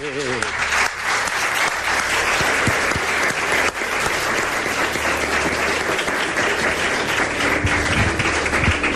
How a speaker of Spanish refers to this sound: Te mereces un aplauso.